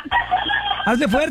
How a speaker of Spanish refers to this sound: Escuché más al gallo que a ti, mija. ¿No lo pusiste tú de fondo? No, fue ahí. Ay, pensé que era el fondo que había puesto.